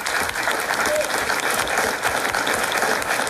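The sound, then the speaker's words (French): A live public audience in Florentville applauds everyone on the show, a dense wash of many hands clapping at an even, sustained loudness throughout, with no pauses or swells. “Et si on applaudissait d'ailleurs tout le monde, même Olivier Frépon, puisque nous sommes en public ici à Florentville.”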